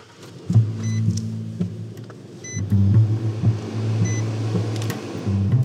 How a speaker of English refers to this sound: So I hop in his truck and away we go. All right, off we go.